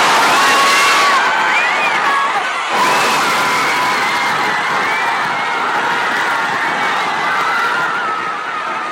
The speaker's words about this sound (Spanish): Así vibraba el Zócalo capitalino, la Plaza de la Constitución, vibrando totalmente ante los gritos, los saltos y la algarabía de estos mexicanos, que solo 3 goles, pero 3 goles que de verdad hicieron vibrar a todo un país.